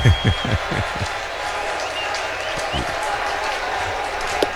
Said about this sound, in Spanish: Y aquí, pues, obviamente, la fanaticada de los Mets aplaudiendo todo de pies después de 2 strikes. Pidiendo el ponche, pidiendo el out número 27, pidiendo una victoria muy necesaria.